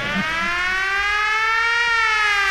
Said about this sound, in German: Und jetzt muss ich erst einmal Entwarnung geben, es ist nichts passiert. Die Sirene, die kommt aus dem Lautsprecher bei euch aus dem Radio